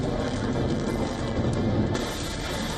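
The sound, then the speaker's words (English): A steady, loud roar of Iranian ballistic missiles flying in a retaliatory attack on U.S. bases in West Asia, a dense rushing rumble with heavy low end that briefly brightens and hisses near the end; no voices. “Missiles flying,”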